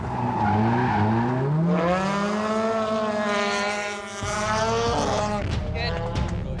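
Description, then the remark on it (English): A drift car's engine revs hard with rising and falling pitch while tyres squeal and skid continuously, the roar briefly dipping before surging again as the car slides wide through a curve on a track during a drift qualifying run. “Makes it nice and wide up to zone two and into deep into clip three.”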